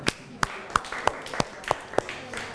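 students clapping

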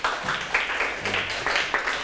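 clapping

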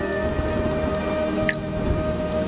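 rain falling

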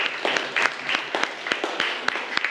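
classroom applause

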